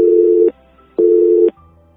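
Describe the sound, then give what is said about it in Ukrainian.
A telephone busy signal during a failed attempt to take an incoming call: a steady electronic tone pulsing on and off in two evenly spaced half-second beeps with equal gaps, clear, with no voices. “Пробуємо прийняти телефонний дзвінок до нас.”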